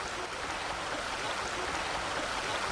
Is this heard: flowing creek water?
yes